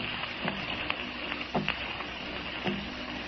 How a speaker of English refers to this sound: Someone is tapping on the door. Gosh, for a minute, I did think that. But it's just the rain against the windows.